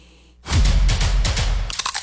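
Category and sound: food or drink, tortilla chip being crunched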